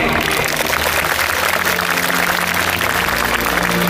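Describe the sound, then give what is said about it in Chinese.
Sustained, dense applause from a large crowd congratulating the graduating students at the June 2023 Tsinghua University graduation ceremony, a steady wash of many hands clapping at even loudness throughout, with no voices standing out. “让我们以热烈的掌声祝贺各位同学。”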